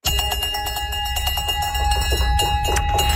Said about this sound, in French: Ah, pour les personnes qui sont passées à travers des traitements en oncologie, sonner la cloche, ça marque la fin de tout un périple.